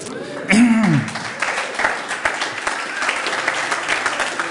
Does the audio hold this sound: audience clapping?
yes